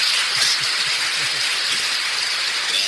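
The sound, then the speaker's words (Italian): Steady, dense applause from many hands, a continuous crackling wash of clapping that holds at an even loudness for about three seconds, with no voices; applause for a guest during a radio broadcast. “il nostro amico 93-17, al quale facciamo un applauso. Marco, andiamo con l'applauso.”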